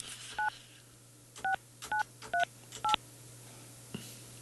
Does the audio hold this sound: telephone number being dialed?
yes